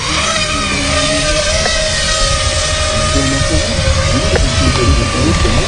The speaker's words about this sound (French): Donc 50 000 tours par minute, ça fait que bah, si vous mettez votre doigt ou quelque chose, bah, vous pouvez avoir très très mal. Oui. Donc dans un premier temps, je viens préarmer mon drone et l'armer. Et là, je suis en mesure de décoller.